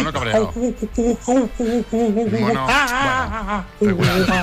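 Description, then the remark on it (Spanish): A radio listener imitates an angry monkey with loud, rapid chattering hoots and shrieks, rising and falling in pitch in quick bursts over a few seconds. “Mono cabreado.”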